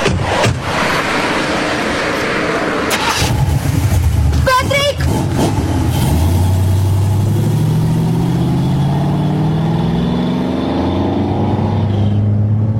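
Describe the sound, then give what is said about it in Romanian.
A red convertible car engine cranks with a short burst of clicks, catches, then revs up and drives off, its pitch climbing steadily. Loud throughout. “O, decapotabilă roșie.”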